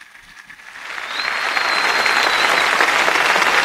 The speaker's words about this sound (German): Diese Einladung des Papstes stimmt das versammelte Volk Gottes mit Applaus zu. Applaus, Klatschen. Ja, es ist ja wirklich eine ausgelassene Stimmung zu spüren am Hafen von Heiligenkreuz auf Teneriffa.